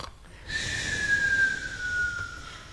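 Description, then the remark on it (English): A person fakes a snore: one long, raspy breath drawn in through the nose with a thin whistling edge, fairly loud, with no talking. “Let's snore take four.”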